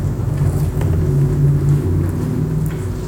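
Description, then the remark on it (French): A deep, muffled rumble of cars passing overhead on the street, steady and continuous with low droning engine and tire noise, heard from below the roadway in a totally dark underground space. No one speaks. “À part justement pour ce puits de lumière qu'on a vu où il y a des morceaux de phares de voiture qui éclairent de manière sporadique à leur passage.”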